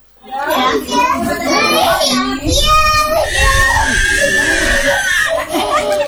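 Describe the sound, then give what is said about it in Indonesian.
Loud, sustained crying from a baby, with wailing harmonic cries rising and falling over several seconds against a busy background, at the Posyandu Merak community health post in Selumit Pantai, Tarakan. “Suara tangisan bayi terdengar nyaring dari Posyandu Merak, Kelurahan Selumit Pantai, Kota Tarakan.”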